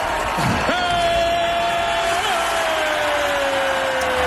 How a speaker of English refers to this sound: Everybody's cheering. It's all fun and dandy.